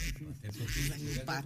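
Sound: duck quacking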